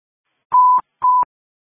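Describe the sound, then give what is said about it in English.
Two short, steady electronic tones sound in quick succession, each about a third of a second long with a click at the edges: telephone dialing tones as a call is placed back to a caller. Clear and alone, with no voices. “I will try to give the caller a call back.”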